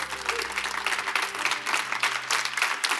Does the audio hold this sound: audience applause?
yes